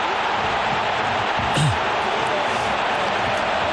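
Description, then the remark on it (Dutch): A large crowd roars and cheers in the stands of a football (soccer) match after a penalty is awarded, a dense, steady wash of voices that stays loud for the whole stretch with no single voice standing out. “Gejuich op de rangen.”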